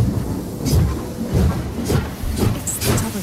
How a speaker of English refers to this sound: Aboard! The train now departing from HFM is the Mole Train.